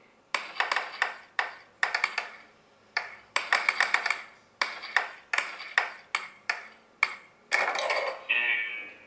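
A rapid series of bright, percussive video game blips as a ball bounces, with distinct sounds for the ball bouncing off a wall and for it going into a goal, irregular in rhythm with sharp attacks and quick decays, ending in a longer tonal chime. No talking.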